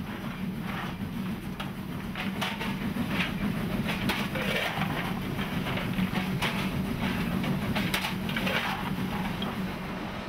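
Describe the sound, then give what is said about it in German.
A train rolls steadily through the 1,205-metre Weiler spiral tunnel, built to gain height, heading toward Grimmelshofen: a loud, continuous rumble with a low droning hum and irregular clicking of wheels on rail joints. No voices are heard. “Hinter dem Tunnel fährt der Zug wieder Richtung Grimmelshofen.”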